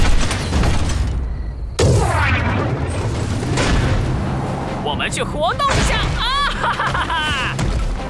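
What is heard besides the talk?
explosion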